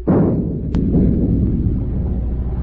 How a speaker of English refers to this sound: Stand by to open fire. Aye, aye, sir. Forward gun loaded. Fire a shot across the bow.